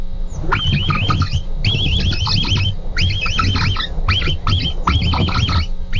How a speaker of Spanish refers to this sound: pues vamos a escuchar primero el capibara y luego te revientas tu versión.